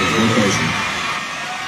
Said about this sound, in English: You may not get your moment on stage with the award, but, you know, you get to have all your fans screaming at you.